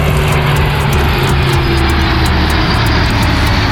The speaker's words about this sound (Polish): W południe nad Wisłą w Warszawie przeleciały samoloty, które wezmą udział w przyszłotygodniowym pokazie. Były śmigłowce bojowe, myśliwce F-16 i samoloty transportowe